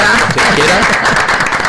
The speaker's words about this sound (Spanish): ¿Podemos aplaudir como hace la gente en los aviones para aterrizar? Hemos aterrizado.